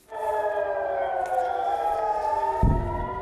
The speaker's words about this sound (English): We start in the Middle East, where Israel says it's been targeted by a new wave of Iranian missiles. Air raid sirens sounded and a boom was heard in the sky above Jerusalem just in the last hour.